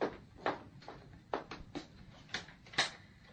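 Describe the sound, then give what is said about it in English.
A door is opened amid a series of sharp, uneven clicks and rattles, like a latch and handle being worked, with no one speaking. “Someone at the door. Open it, then.”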